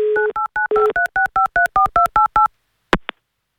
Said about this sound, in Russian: Но в любом случае мы сейчас с ней свяжемся. Давайте будем дозваниваться.